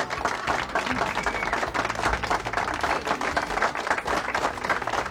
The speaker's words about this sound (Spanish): Aplauso. Aplauso para nuestros senadores.